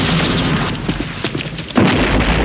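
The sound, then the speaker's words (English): A dense, roaring explosion amid an exchange of gunfire opens loudly, sending a guard flying over a railing, thins into crackling debris-like clatter, then surges again in a second heavy blast with deep rumble underneath, with no talking. “An explosion sends a guard flying over the railing.”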